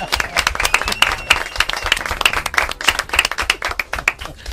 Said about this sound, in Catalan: Fort aplaudiment, molt bé.